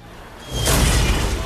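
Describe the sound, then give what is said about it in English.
After a brief quiet lead-in, a loud crash bursts in as a rogue space capsule smashes through a roof and carport, followed by a sustained roaring rumble of debris. “Nothing like a rogue space capsule to bring you back down to Earth, Ajax.”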